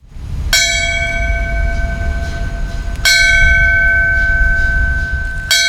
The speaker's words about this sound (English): The bell ringing that was in Falmouth this morning signifies the end of a firefighter's duty. That ceremony was before a crowd of local officials, scouts, and firefighters dressed in uniform who had gathered at the Main Street Fire Station.